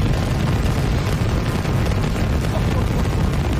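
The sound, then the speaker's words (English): A massive, continuous roar of the Super Heavy booster's engines at the liftoff of Starship Flight 14, dense low rumble with crackling texture spanning the whole range, steady and loud throughout with no pauses. “Wow, what ignition of Super Heavy. Woo! Holy cow. And a liftoff of Starship Flight 14.”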